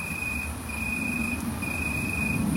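A tree cricket stridulates in a back garden in Bemmel aan de Waal, Netherlands, in a steady, continuous high-pitched trill, with a faint second tone above it, over a low background rumble, with no voices.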